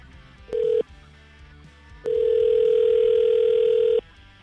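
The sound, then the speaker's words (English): A phone call placed live on air at radio station 101.9 POR ringing out on the line: a brief electronic tone, a pause, then a longer steady ring tone lasting about two seconds, clear and prominent with no talking. “And we're going to call Tom and get him to pick up the phone and get his side of the story.”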